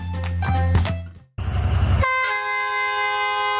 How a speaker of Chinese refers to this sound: 随着汽笛声响，复古的黄色木质车厢满载游客缓缓驶出站台，开始这趟被誉为滇南最美乡愁之旅的别样旅程。